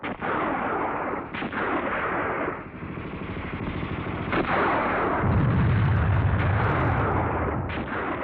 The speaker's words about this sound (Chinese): 大家急忙趴下，地雷在敌人队伍里炸响了。这就是蝎子雷的妙处，发火装置在前面，爆炸在后面。